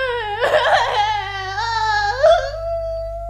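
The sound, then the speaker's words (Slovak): A child cries in one long, drawn-out wail lasting a few seconds, its pitch wavering and rising near the end, fairly loud over a steady low hum. “Princeznú Sidóniu, ktorá stále plače.”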